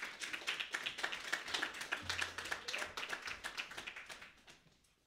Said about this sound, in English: Everybody, please clap